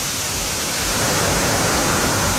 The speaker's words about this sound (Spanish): Está lloviendo, pero se cae el cielo en Linares, me dicen por acá. Lluvia fuerte a esta hora en Linares.